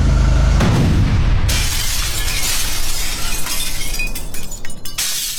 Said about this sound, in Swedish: Och han svänger upp, kör Pipersgatan och precis på krönet, eller kanske någon 10 meter innan krönet där, så exploderar bomben.